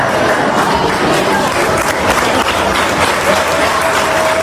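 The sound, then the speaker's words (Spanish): Steady, dense applause from a row of colleagues and students clapping together in a corridor of the Colegio de la Inmaculada for a retiring language teacher, loud and continuous throughout, with faint cheering and voices mixed into the crowd noise. “Se encontró con una fila de compañeros y alumnos que le aplaudían.”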